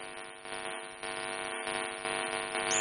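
A telephone line's disconnected tone after a caller's line cut off during a phone-in question session: a steady, buzzy electronic drone rich in harmonics, held unbroken for about three seconds and creeping slightly louder, with no one talking.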